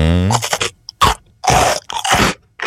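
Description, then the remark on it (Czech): Loud, dry crunching of biscuits being bitten and chewed over a keyboard. After a brief tonal hum at the start come about five irregular crackly bursts separated by short pauses, with no talking. “Den sušenek nad klávesnicí.”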